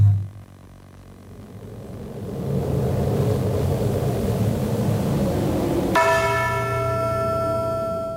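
A low, steady rumble swells like a storm, then a single deep bell strikes loudly and rings out with a long, shimmering decay. No one speaks.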